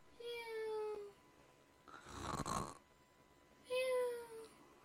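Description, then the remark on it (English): Cartoonish snoring, heard alone: a raspy, noisy snort in the middle, framed by two high whistling exhales. It is moderately loud, with a slow, rhythmic sleeping pattern. “He waited so long, he began to snore.”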